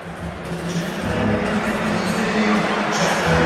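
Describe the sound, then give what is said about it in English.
A large Montreal hockey arena crowd roars and cheers continuously as icing is whistled against the Predators, a dense wash of voices that swells slightly louder toward the end, with no single voice standing out. “The Montreal crowd loves it.”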